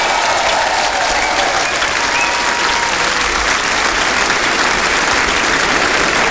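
A large audience applauds an orchestra, a dense wash of clapping that holds at full, even loudness for about six seconds without any voices over it.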